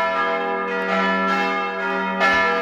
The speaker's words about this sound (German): Klingelt da was? Nee, aber es läutet kräftig.